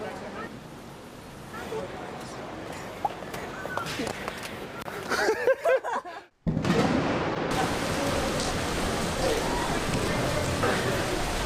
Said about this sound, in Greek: Έτσι ξαφνικά μπουρίνει, άρχισε να βρέχει, φυσάει και δεν είναι κανένας άλλος φυσικά.